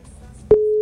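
A telephone ringing tone on a call to a phone in the city of Montería, Córdoba department, starts abruptly partway through, a loud, steady single-pitched tone that holds to the end over a faint background hum.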